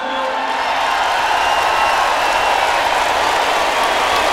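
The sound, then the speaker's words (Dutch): A large audience breaks into sustained applause, a dense, steady roar of clapping that stays loud and even for several seconds with no speech over it. “Mag ik een applaus?”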